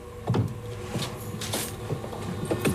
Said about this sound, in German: Da, der Schrank. Eine Tür steht offen. Sie schlüpft hinein und zieht die Tür zu.